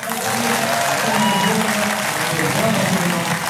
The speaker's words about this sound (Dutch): Veel applaus dus voor Klaver.